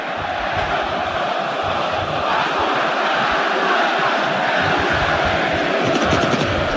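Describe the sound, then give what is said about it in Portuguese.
A stadium full of Vasco da Gama football supporters roars and cheers during a match against Coritiba, in a dense, unbroken wash of sound that stays loud and steady throughout, with a few sharper bursts of noise near the end. “E a jogada, olha aí, olha a torcida do Vasco.”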